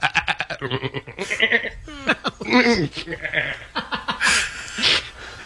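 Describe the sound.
A voice in a studio imitates a goat, letting out a string of loud, quavering bleats, each cry wavering and breaking in pitch, with brief gaps between them.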